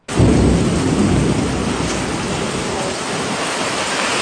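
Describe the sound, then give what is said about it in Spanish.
Heavy rain pours down in a steady, dense roar, with a low rumbling wash of strong wind gusting through the downpour, loud throughout without any voices. “Está buena la lluvia, paisano, está recio la lluvia. Mucho viento, bastante viento, diría yo.”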